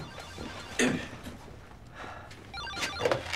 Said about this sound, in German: Sie gehen mal ans Telefon.